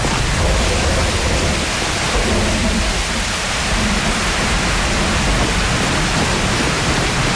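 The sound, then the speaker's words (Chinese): Steady rain pours down in a dense, unbroken hiss, loud, holding at the same level throughout with no voices over it. “哎，下雨了，咱们先到前面避避雨吧。”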